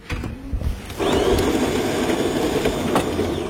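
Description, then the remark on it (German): A brand-new coffee machine in the newsroom of LSM, the public broadcaster in Daugavpils, kicks on after a few soft clicks, its grinder settling into a loud, steady mechanical whir that runs without pause. No one speaks. “In den Redaktionsräumen von LSM, dem öffentlich-rechtlichen Rundfunk in Daugavpils, ist nicht nur die Kaffeemaschine brandneu.”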